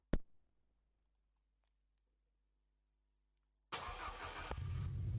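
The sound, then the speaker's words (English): A sharp click rings out, then a few seconds of quiet before the engine of Charlie Boy's Ninja motorbike in Lagos roars to life and keeps running loudly, its pitch rising as it revs. “That's the area father himself, Charlie Boy, in this, his ninja bike.”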